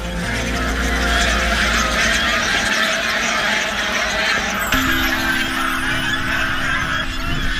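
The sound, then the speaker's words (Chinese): A flock of geese, hybrids of wild swan geese and domestic geese, mostly white-feathered and some with grey backs, honks loudly and continuously, with a dense rush of wingbeats and commotion as the birds take off and fly together, filling the whole scene. “原来这种动物叫做象海飞蛾，是野生鸿雁和家鹅的杂交品种。”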